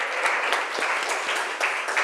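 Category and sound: crowd, loud applause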